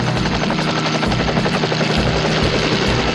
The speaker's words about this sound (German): Währenddessen startet Tom den Hubschrauber.